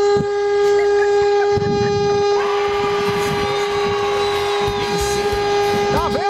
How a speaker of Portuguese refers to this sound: Deus, fiquei surdo agora, velho. Essa buzinada do Alê aqui é horrível. Meu, que buzina horrível, velho.